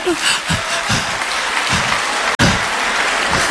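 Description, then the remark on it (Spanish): A church audience claps steadily and loudly for the Lord in dense, continuous applause, with a brief break in the sound partway through before the clapping carries on. “Dale una fuerte, un aplauso para el Señor.”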